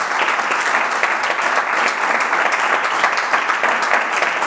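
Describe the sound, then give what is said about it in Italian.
Steady, dense applause from an audience, many hands clapping at once in a continuous wash of sound that holds at a fairly loud level throughout, with no voices standing out. “Un altro applauso te lo facciamo.”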